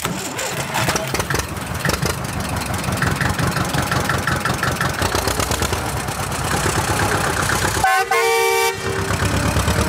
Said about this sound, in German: Und schon klettert Fine sportlich elegant auf ihren grünen Trecker und los geht's.